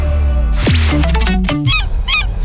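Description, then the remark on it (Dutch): Several seagulls call in quick succession in June, loud, their harsh, squealing cries rising and falling over a steady low background hum. “Hoor je het ook? In juni kunnen zelfs de meeuwen niet zwijgen over de Citroën Summer Deals.”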